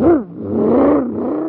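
A supercharged car engine revs and accelerates away, its pitch swooping down then climbing again in a loud, whirring surge over about a second and a half, with no voices.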